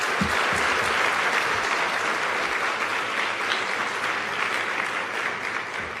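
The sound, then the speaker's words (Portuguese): Sustained applause from children in Mozambique, clapping for all the children who are not there: a dense steady wash of many hands clapping at a strong level for about six seconds, easing only slightly toward the end. No one speaks over it. “Podem dar uma salva de palmas para todas as crianças que não estão aqui?”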